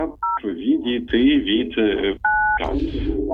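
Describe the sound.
Telephone line tones on a listener's first call into a radio phone-in: steady two-pitch beeps sound in brief bursts, alternating with stretches of garbled, echoing voices coming down the phone line because the caller is near a radio receiver. Fairly loud.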